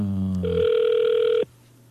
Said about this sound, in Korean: 일반 전화로 지금 전화 갑니다. 받으시면 됩니다. 전화 안 받으시네요. 안 받으시네요.